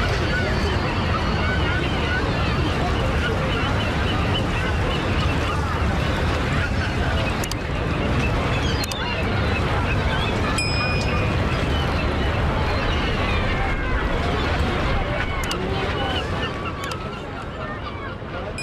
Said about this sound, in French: J'aperçois au loin le paquebot.